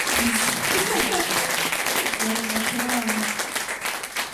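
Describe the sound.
Steady audience applause for the event's host, a dense wash of many hands clapping at a loud, even level for a few seconds, with faint voices murmuring underneath before it begins to taper slightly.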